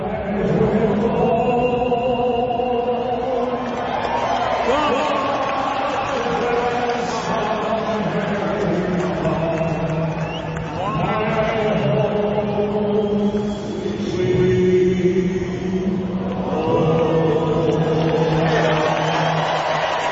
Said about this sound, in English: A 102-year-old veteran went viral on social media after singing God Bless America at a Milwaukee Brewers game. And the crowd erupted into cheers after.